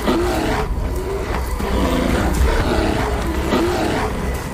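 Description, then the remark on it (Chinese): Large North American brown bears fighting in direct conflict, each trying to drive the others away, with loud, overlapping growls and roars in repeated rough bursts over a steady rushing background. No one speaks. “力量和体型开始发挥作用，体型较大的北美棕熊之间开始爆发直接冲突，战斗打响了。”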